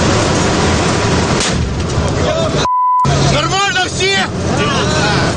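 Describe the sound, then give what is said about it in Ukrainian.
Loud, steady engine roar and rumbling road noise from an armored vehicle carrying Carpathian Sich fighters on its armor toward the outskirts of Kostiantynivka in May, continuous, briefly cut by a short electronic beep, with muffled voices in the din. “Тоді їм вдавалося ще на броні залітати на околиці Костянтинівки.”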